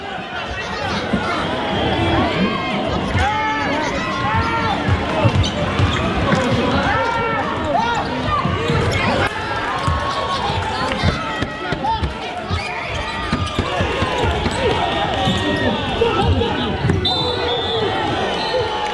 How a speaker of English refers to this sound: The whistle hasn't blown yet. It's the final minute of that David Goliath basketball game. Ashburton's behind by 13 points. The crowd is squeezed around the court lines.